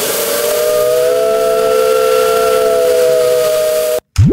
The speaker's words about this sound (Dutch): Moet de trein nog eens toet-toet doen? Ja. Toet-toet.